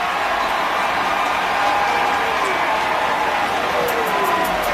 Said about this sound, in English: Huge call here. Washington pointing, the crowd cheering. And I believe that Washington recovered it.